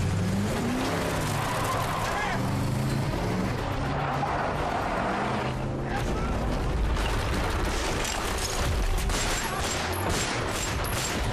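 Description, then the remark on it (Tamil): Four or five cars speeding in a chase behind a car, one coming as if to ram it, engines roaring loudly and continuously, with whooshing passes and tire skids layered into a dense, chaotic rush of noise. “பாரு, நாலஞ்சு கார் நம்ம கார் பின்னாடி ஸ்பீடா ஃபாலோ பண்ணிட்டு வருது. அந்த கார் நம்மள இடிக்கிற மாதிரி வருது.”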